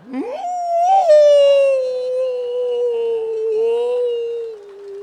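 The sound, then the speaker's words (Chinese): A man's voice imitates a wolf howl as a voice warm-up while crouching with hands on the ground: one long sustained call that swoops up at the start, then holds and slowly falls in pitch, loud, with no other sounds around it. “这是狼叫唤呢。”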